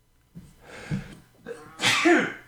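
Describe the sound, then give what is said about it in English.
A muffled cough, partly muted with a microphone cough button, building from a few short breathy bursts into one louder, sharp explosive burst near the end, with no talking. “Excuse me. You're moving faster than I could move there. Sorry. Yeah, I hit the cough button, I think.”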